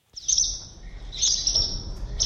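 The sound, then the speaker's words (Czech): Swallows twitter in a few quick, high-pitched bursts under a bridge under construction in Břeclav, where five swallow nests are found, a steady low rumble of background noise running underneath with no voices. “Pod mostem jsme během několika minut našli 5 vlaštovčích hnízd.”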